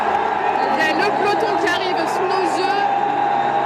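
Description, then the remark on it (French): A street crowd on rue Le Pic cheers and shouts in a steady, loud roar of many overlapping voices, doing holas, with sharper bursts of yelling rising out of the din throughout. “Est en train de se soulever, ça crie, il y a des holas, c'est assez magique à vivre.”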